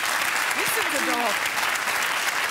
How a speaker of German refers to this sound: Da klatscht ja wieder jemand